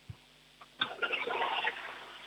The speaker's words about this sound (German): Okay, also dann leg mal los, hier kommt eine Klospülung.